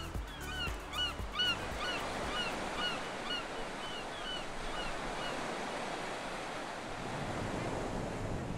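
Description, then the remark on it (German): Sea waves wash steadily over a small pebble beach at Maciana Marina on Elba in a dense, hissing roar, with a few honking bird calls rising above the surf early on and wind noise throughout. “Nach so viel grüner Natur zieht es mich ans Meer.”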